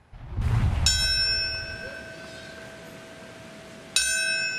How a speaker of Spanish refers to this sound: El sonido de una campana marcó el momento exacto en el que hace 25 años el primer avión impactó la Torre Norte de Nueva York.